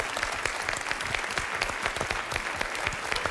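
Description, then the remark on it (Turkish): Steady audience applause for a friend who drew pictures, a dense patter of many hands clapping continuously at an even level throughout, with no voices standing out. “Yine alkışlar başladı. Arkadaşımıza alkışlıyoruz.”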